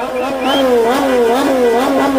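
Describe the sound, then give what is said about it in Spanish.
A motorcycle engine revs steadily and loudly at night outside the hotel where a national football team is staying, its pitch rising and falling in repeated surges, with a constant rough hum underneath and no pauses. “También el sonido del motor de una motocicleta.”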